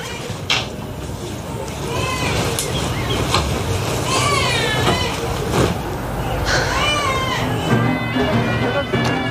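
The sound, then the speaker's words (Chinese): A baby cries inside a room in repeated, rising and falling wails, over a constant background din of indoor noise and murmuring. “在里面孩子哭成这样，出来赶紧喂奶。”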